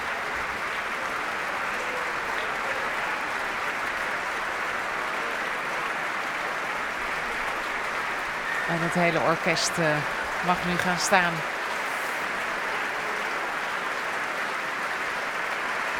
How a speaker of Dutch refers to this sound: Voor Sejong Yin Cho die opnieuw de trap afkomt. Groot applaus ook van de muzici van het Concertgebouworkest. Voor Sejong Yin Cho.